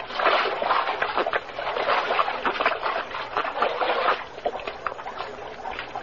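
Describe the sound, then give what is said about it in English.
Steady splashing and sloshing of creek spring water, like someone scooping and gulping it while drinking, with irregular wet slaps throughout and no talking. “Yeah, how about us falling on our faces and having a drink, huh? Undoubtedly spring water.”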